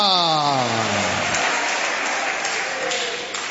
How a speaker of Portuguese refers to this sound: Vamos aplaudir ao Senhor. Isso, glória a Deus. Cadê o glória a Deus? Eu escuto as palmas, mas não escuto glória a Deus.